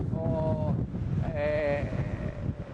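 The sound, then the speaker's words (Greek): Strong wind buffets the microphone with a constant low roar and rumble throughout, while a voice calls out briefly in the gusty, noisy outdoor air during an evacuation of tourists. “Κρίθηκε σκόπιμο, ενώ ακούτε και τον αέρα, τι γίνεται με τον αέρα που φυσάει, που συνεχίζει να φυσάει και θα φυσάει όλη τη νύχτα με βάση τις προβλέψεις των μετεωρολόγων.”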